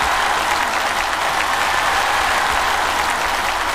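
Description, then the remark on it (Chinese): Sustained applause from a large audience at the TV show 环球竞技秀 (Global Competition Show), clapping for the host, a dense steady wash of clapping at constant loudness throughout, with no voices standing out. “通过掌声能感觉到，是不是觉得我还是很帅的？”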